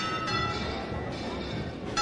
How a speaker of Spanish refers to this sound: Bueno, pues de nuevo suenan las campanas, han hecho un inciso, pero vuelven a tocar.